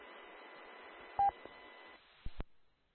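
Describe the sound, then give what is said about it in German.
A mobile phone chirps with a couple of short electronic beeps over a steady background hiss, followed by a few sharp clicks before the noise cuts out. “Geht doch noch mein Telefon hier los.”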